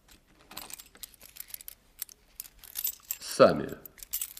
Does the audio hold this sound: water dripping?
no